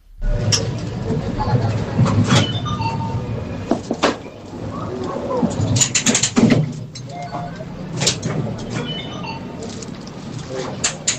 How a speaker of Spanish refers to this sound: Yo diría que es una atracción. Una atracción en una feria. Es algo así, sí. Es una atracción en una feria,